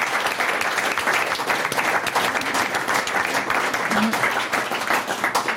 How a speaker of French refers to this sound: Bah, on applaudit ce magnifique défi.